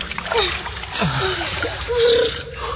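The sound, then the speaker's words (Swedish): Water sloshes and splashes continuously, with irregular bursts of churning and a few gurgling bubbles, as someone swims through ice-cold water. “Vi måste simma. Det är rätt släppet i deras vatten.”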